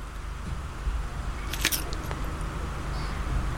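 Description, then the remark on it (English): Someone bites into crunchy food: a sharp cluster of crisp cracks midway, then a smaller crackle, over a steady low background hum with no talking. “That was a crunching bit. The initial crack is quite important, I suppose.”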